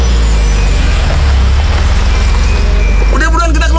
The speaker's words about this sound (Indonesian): Kok ada macet-macetan gini? Cepet dikit bisa gak sih?